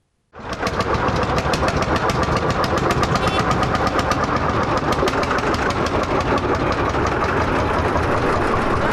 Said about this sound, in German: Zum 35. Mal fand auf Schloss Augustusburg das Oldtimer-Herbsttreffen statt. Von 8 bis 14 Uhr tuckelten am 3. Oktober 2-, 3- und 4-rädrige Oldtimer durch die Schlosstore, um einem interessierten Publikum präsentiert zu werden.